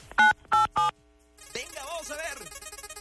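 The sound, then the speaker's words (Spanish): Three quick telephone keypad tones beep in an even rhythm as 987 is pressed on a phone to spin a roulette wheel, each a short, clear dual-pitched blip, followed by a voice speaking over a busy, reverberant background. “Apriétale a tu teléfono 987 para girar la ruleta, venga.”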